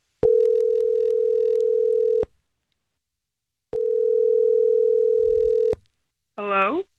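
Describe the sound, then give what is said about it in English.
A phone ringback tone on an outgoing call from the Star 101.3 radio show sounds twice, each steady electronic ring lasting about two seconds with a pause between, before a brief voice answers at the end. “we're about to call your date”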